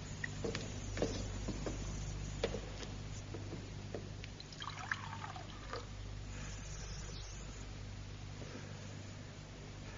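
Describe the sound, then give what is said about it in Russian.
Water is poured into a drinking glass, a steady trickle with soft splashy ticks over a low background hum, lasting several seconds with no one speaking. “Налей мне стакан воды.”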